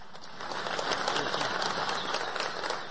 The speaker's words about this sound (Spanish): Un aplauso para usted.